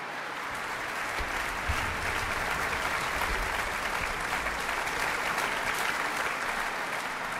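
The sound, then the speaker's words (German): Sustained applause from a concert audience for violinist a violinist as she receives a bright yellow sunflower, a dense, steady wash of many hands clapping at an even level for several seconds, with no voices standing out. “Und dazu bekommt sie jetzt gerade noch eine leuchtend gelbe Sonnenblume und noch jede Menge Beifall vom Publikum.”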